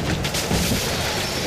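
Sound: car crash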